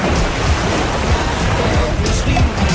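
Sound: ocean waves sound effect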